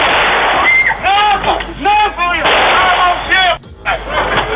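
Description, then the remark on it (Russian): Loud, chaotic gunfire from soldiers ending a celebration at a local cafe disco crackles almost continuously, mixed with shouting voices and crowd noise, with a brief drop in the din near the end. “Стрельбой и избиением посетителей празднование завершают бойцы бригады «Медведи».”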